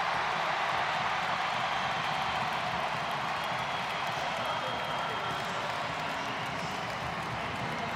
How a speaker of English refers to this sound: That's an expected big round of applause.